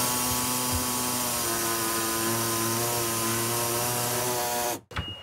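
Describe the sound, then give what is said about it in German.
A power saw grinds loudly through sheet metal, cutting a piece away so a cabinet will fit, in one continuous, harsh, whining cut lasting about five seconds, then abruptly stops. No one speaks. “So, sägen wir das mal weg.”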